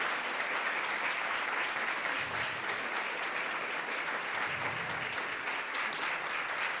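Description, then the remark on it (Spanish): An audience applauds for God, a steady, dense wash of many hands clapping at an even loudness for several seconds with no voices standing out. “Fuerte ese aplauso para mi Cristo, mi Dios.”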